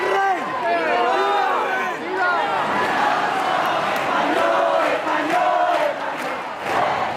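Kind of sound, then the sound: crowd, crowd cheering and jubilation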